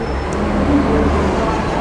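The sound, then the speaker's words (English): Steady low rumble of a city bus idling at a bus stop, with a constant wash of street traffic noise around it; a faint voice may murmur underneath. “And it says the destination at the front of the bus.”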